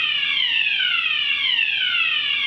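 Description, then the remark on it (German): A fire alarm blares continuously, a loud, shrill electronic tone in a high pitch, with its bright harmonics slowly gliding downward and restarting in repeating sweeps. No one speaks. “Feueralarm!”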